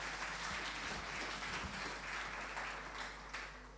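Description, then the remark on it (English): An audience applauds lead judge Dr. Peter Arthur as he is invited to explain the rules and scoring, a dense wash of many hands clapping at once, fairly loud and sustained, easing slightly toward the end. “Show him some love with a round of applause.”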